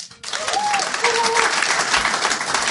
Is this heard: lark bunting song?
no